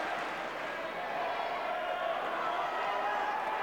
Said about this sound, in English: And another point that his passionate fans are cheering and, as you can hear, chanting his name again from just a few rows away to his left.